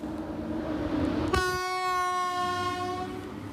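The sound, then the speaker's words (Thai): A passenger train rumbles along the rails, then its horn sounds one long, loud, steady blast that holds for about two seconds over the continuing low rumble. No one speaks. “ห้ามรีบถ้าเกิดว่ากำลังจะไปทำงานอะไรอย่างนี้ไม่ได้ข้ามไปเลยนะคะเพราะว่ารถไฟขบวนนี้เหมาะสำหรับคนที่อยากจะพักผ่อนพักจากโรคเครียดๆรอบตัวโดยเฉพาะค่ะ”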